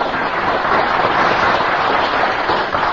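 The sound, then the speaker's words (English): An audience applauds in a dense, steady wash of clapping that holds at an even, fairly loud level for the full three seconds, with no voices heard over it. “There they are, the same moonshine is applauding.”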